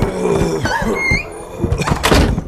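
A door creaks open with a drawn-out, squeaky hinge, accompanied by a few dull knocks and rattles, clear, with no voices present.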